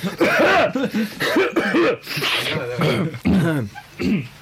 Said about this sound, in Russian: Так, давайте откашляемся.